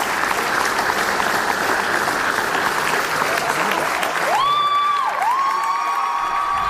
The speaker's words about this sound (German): Das überwiegend junge Publikum applaudierte bei der Generalprobe bereits während der Vorstellung.